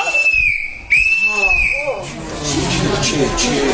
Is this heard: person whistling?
yes